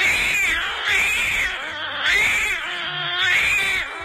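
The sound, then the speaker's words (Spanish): A cat meows loudly and insistently, four drawn-out, wavering cries in a row with short gaps between them, with no one talking. “El gato.”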